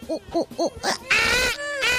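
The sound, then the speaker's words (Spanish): A voice imitates a monkey's cry: four quick, arching hoots followed by a long, loud, shrill screech that wavers and dips before ending. “Hizo como un chango. Y empezó así.”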